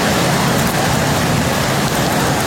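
Heavy torrential rain of 80 liters per square meter pours down over Veliko Tarnovo, Bulgaria, in a steady, dense roar, loud, with water hammering hard surfaces and no pauses or voices.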